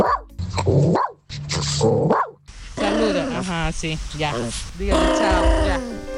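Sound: dog barking and growling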